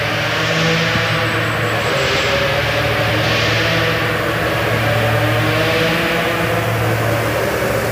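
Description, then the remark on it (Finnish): A rally car engine drones steadily in a pitch-dark forest at the finish of the Laukaa rally stage, its deep, buzzing harmonics rising and falling in slow swells as the revs shift, with no voices over it. “Nyt ainakin kuuluu siltä, että joku olisi saattamassa tulossa.”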